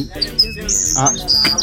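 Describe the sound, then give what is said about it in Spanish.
A bird whistle held in a man's mouth chirps: a couple of quick high tweets, then longer, shrill warbling whistles, over a low background murmur. “ya le pusieron el pájaro en la boca.”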